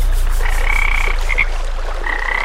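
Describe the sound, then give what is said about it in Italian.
A dense chorus of frogs croaking at a pond in Salento, billed as the Niagara Falls of Salento, their trilling, buzzy calls overlapping in long steady bursts with brief breaks, loud and continuous with no voices. “questo stagno di merda non puoi vendermelo come cascate del Niagara nel Salento”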